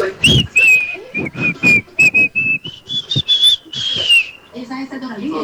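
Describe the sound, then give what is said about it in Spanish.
Someone whistles a tune, a sustained melodic line of steady notes over several seconds, accompanied by rhythmic background music and a brief vocal sound at the start; a listener whistling a song request on the 'Viernes de silbido' segment of radio station Candela. “Tú solamente pídalas silbando.”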